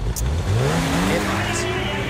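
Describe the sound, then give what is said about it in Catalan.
A car engine revs up, its pitch climbing steadily as it accelerates over a couple of seconds, loud and droning with a faint background of other noise. “Això no és un tractor, eh? No. Més guàrdies civils”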